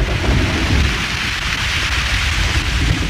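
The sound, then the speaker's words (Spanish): Heavy rain pours down steadily in a loud, continuous hiss while deep thunder rumbles low underneath throughout, a full thunderstorm with no voices. “Afuera seguía la terrible tormenta.”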